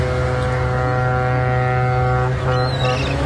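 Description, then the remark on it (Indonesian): The horn of a Chinese cargo ship carrying rice blasts in one long, loud, continuous note with deep harmonics as the ship approaches the dock from afar, steady for the whole stretch, with no one speaking. “Hingga pada hari keempat, mereka menunggu, dari kejauhan terlihat sebuah kapal Cina pengangkut bahan baku beras menuju dermaga.”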